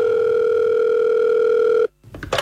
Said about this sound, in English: Suddenly, a phone call.